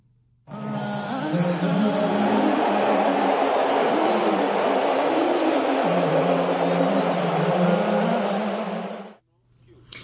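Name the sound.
arena crowd booing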